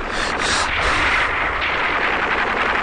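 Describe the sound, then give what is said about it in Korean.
Heavy, intensifying gunfire from Red Army troops attacking a house rattles on without pause, dense overlapping shots blurring into a loud, harsh roar that holds steady for the whole stretch, with no voices. “총소리는 점점 더 자지러지었다.”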